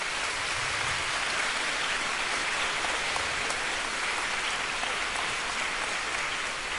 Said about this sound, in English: Thanks to all the teachers, please give them a round of applause.